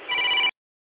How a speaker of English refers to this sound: There goes my phone. Sorry about that. I'll have to leave you with it.